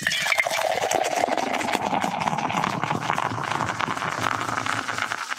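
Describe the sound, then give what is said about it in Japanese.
Sapporo Black Label draft beer being poured into glasses, a steady gurgling, fizzing stream whose pitch slowly rises as the glasses fill, continuing for several seconds with no talking. “では続いて、この注ぎ音を収録したいと思います。”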